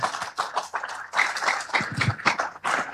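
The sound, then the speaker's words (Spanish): A church audience at a celebration for the Lord breaks into loud, sustained applause to greet a Catholic friend who proposed the celebration, many hands clapping in a dense, uneven patter for several seconds, with a few voices calling out among the claps. “¿Por qué no nos saludamos con fuertes aplausos?”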